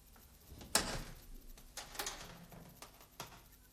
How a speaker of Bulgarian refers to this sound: Оставям вратата отворена, аз ще бъда и там отвън.